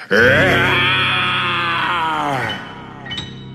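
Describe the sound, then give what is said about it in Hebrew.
A person imitates the very loud roar of a lion in a story, the lion roaring after story time ended: one long, loud, strained vocal growl that holds steady for over two seconds, then fades into a brief rasping tail. “האריה הסתכל על הילדים, הוא הסתכל על מספרת הסיפורים, הוא הסתכל על הספרים הסגורים, ואז הוא שאג בקול רם מאוד.”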